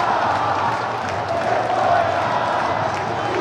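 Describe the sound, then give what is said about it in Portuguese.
A large stadium crowd of 34,408 fans at a Botafogo football match roars and chants "Time sem vergonha" against the team in a steady, dense wall of voices that holds at an even loudness for a few seconds, with no single voice standing out. “É o grito da galera, né? Ouçam, ouçam”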